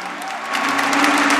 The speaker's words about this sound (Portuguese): Vamos dar uma salva de palmas a Jesus, meus filhos, bem forte.